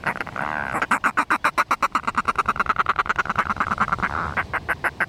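A northern fulmar gives a loud, rapid cackling call, a steady stream of harsh, duck-like pulses running for about five seconds without a break.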